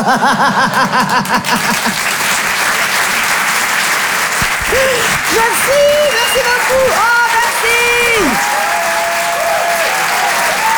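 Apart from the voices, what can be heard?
audience applause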